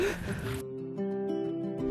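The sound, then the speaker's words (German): A single loud, breathy sneeze bursts out, then cuts off abruptly, leaving a steady, droning musical tone underneath. “Gesundheit. Danke.”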